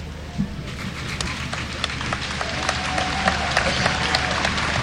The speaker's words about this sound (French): Il n'a pas encore prononcé un mot, notre cher pape Léon, que déjà il est applaudi.